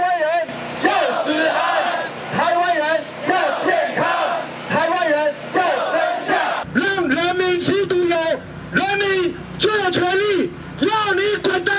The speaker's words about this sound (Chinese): 今天的凯道就是民意的展现，人民发出怒吼，表达民意的不满以及对食安的期盼。